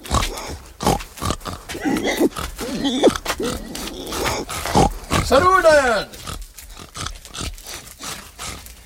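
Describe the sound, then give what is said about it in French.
Three large pigs, nearly the size of wild boars, grunt and squeal noisily while a man feeds them, a busy jumble of snorts and rising harmonic squeals, with a brief spoken greeting near the start. “Juste 3 porcs. Mais ils font du bruit comme 10.”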